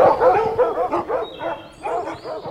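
Hunting dogs bark in a quick, steady run of about eight or nine loud barks, overlapping slightly as several hounds give tongue on a trail, following a hare's scent with their noses low to the ground.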